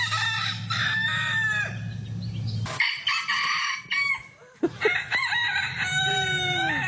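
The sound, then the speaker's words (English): A rooster in Wooduna and Russell Vale crows loudly and repeatedly at about 4:30 to 5 a.m., its harsh rising-and-falling calls coming in several bursts, with other fowl clucking and a low steady hum underneath. No one speaks. “Well, the good folk of Wooduna and Russell Vale were hearing that very sound at about this time, a bit earlier even, 4:30, 5 a.m.”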